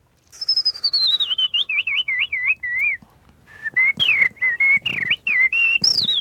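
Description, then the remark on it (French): Someone whistles an imitation of blackbird song: a descending run of warbling, looping phrases, a brief pause, then a second burst of quick rising and falling notes. “Ça, c'est le merle”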